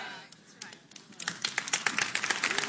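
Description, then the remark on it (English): A speaker clapping their own hands in a quick, uneven run of sharp slaps that grows louder toward the end, with faint voices murmuring beneath. “I'll clap for that myself.”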